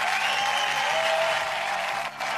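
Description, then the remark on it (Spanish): Loud, sustained applause from a crowd for a Venezuelan woman soldier, the first woman to become an army battalion commander; a dense steady wash of clapping with a faint whistle-like tone running through it and a brief dip near the end. “Un fuerte aplauso para nuestra mujer militar venezolana.”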